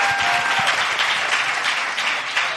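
Steady audience applause, a dense, even wash of many hands clapping at a fairly loud, constant level throughout, with no voices standing out, requested by the host for a quiz contestant who had just answered correctly.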